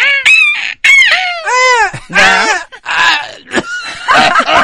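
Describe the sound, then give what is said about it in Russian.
Someone imitates a seagull by tightening the vocal cords into an unpleasant voice and shouting the vowel "e": a rapid series of shrill, strained, nasal cries, loud, about half a dozen in quick succession, with a brief spoken word among them. “Нужно максимально сжать связки, сделать голос противным, да? Как будто в детстве все мы изображали барашка наверняка, да?”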